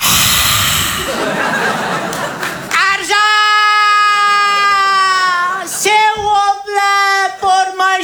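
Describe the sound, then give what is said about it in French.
A burst of laughter gives way to a loud, sustained high-pitched baby-like wail, then a series of shorter, broken sobbing cries. “Le bébé, il est manchot et borgne.”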